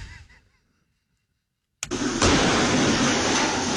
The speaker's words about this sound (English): I have this car inside, Mercedes, my wife's car, and they use that car to smash, you know, to run over through the door.